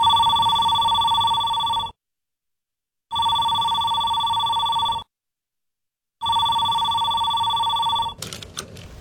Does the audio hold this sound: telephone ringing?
yes